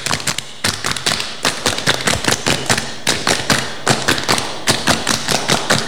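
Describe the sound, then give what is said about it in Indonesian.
A group claps the Indonesian Pramuka scout clap twice over in a quick, patterned rhythm in an RRI radio studio: loud, sharp bursts repeating steadily for several seconds with no talking. “Dua kali tepuk pramuka.”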